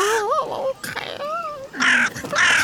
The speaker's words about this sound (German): Ja, was bist du denn für ein Vogel? Hä? So schön schwarz. Ein Rabenvogel ist das. Eine Krähe, so wie ich das sehe.